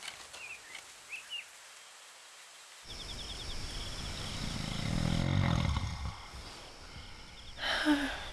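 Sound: old man snoring loudly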